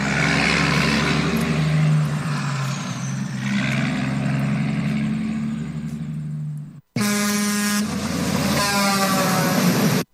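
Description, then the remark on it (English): Loud rumble of a convoy of heavy diesel 18-wheeler trucks lining up, heading for Jackass Joe's in Crescent Junction, Utah, idling and moving together, a steady deep drone, followed after a brief cut by a long, blaring truck horn over the engines. “Dang, looks like a bunch of us 18-wheelers are lining up now.”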